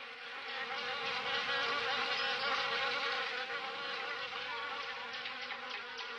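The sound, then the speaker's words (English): A dense, steady drone of many bees buzzing around a large beehive hanging from a tall tree, loud, holding constant for several seconds with a slight shimmering waver and no voices. “So off they went until they found a large buzzing beehive hanging from a tall tree.”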